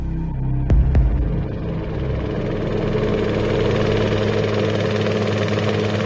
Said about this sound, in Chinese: 直升机的螺旋桨在旋转，公安局楼顶的平台上，林瑞、田小牛和葛彤已经换了笔挺的陆军长服，站在直升机下面。